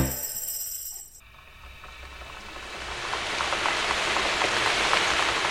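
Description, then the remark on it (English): Steady rain patters down in a dense, hissing wash with scattered droplet ticks, swelling louder after a brief quieter opening and holding full to the end. “Rainy day, rainy day, where can I play?”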